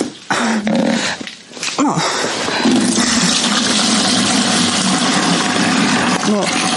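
Steady rushing rainwater pours through the false ceilings of a house's second floor, the house practically without a roof, splashing into household dishes set out to catch it; a continuous dense wash of sound, with a few brief tonal squeaks and knocks standing out above it.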